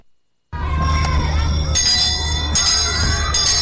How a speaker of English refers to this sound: educational bells are ringing. They are ringing again and again.